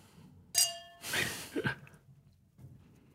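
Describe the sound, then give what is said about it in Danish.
A single bright clink of glasses touching in a toast, ringing briefly before fading, followed by a soft breathy rush of sound and then near quiet. “Skål, skål på skål, det.”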